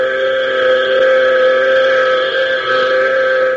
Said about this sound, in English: taking every advantage of the last possible clear air, Hop, Tank, and Major McCall listened to the continuous sound of the warning buzzer. And as precious seconds pass, the never-ending buzzing seems to be ticking their lives away.